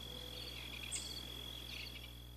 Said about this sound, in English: what I love most about Métis Nation of Alberta's Region 4 is the sound of the frogs on the springtime evening air.